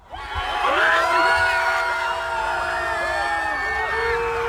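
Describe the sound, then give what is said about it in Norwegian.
A crowd of hundreds cheers and screams outside a hotel in Nydalen as Cristiano Ronaldo and the Portugal players go to their bus, many high voices overlapping in whoops and yells, a loud sustained roar that holds steady for several seconds. “Det brøt ut jubel utenfor hotellet i Nydalen da Cristiano Ronaldo og Portugal-spillerne gikk til bussen.”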